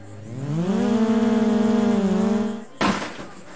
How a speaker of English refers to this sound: What you're hearing are sounds from a drone race in the middle of a cornfield. We set up these tracks wherever we can, in our backyards, in these big events in the middle of cornfields.